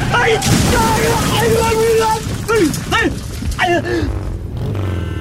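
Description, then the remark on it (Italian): A loud, rumbling crash of a motorcycle in the evening, with booming impacts and a scatter of breaking glass that leaves the rider covered in glass shards, mixed with strained, wavering vocal cries that rise and fall over the noise. “Sei tutte chiattolate di vetri!”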